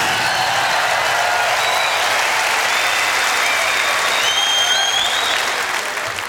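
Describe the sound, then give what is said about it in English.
Sustained, loud applause from a large crowd for a musician, a dense steady wash of clapping with a few whistles cutting through, holding level throughout before easing slightly at the end. “But I'd like you also to give another big round of applause to …, because this is what it's all about.”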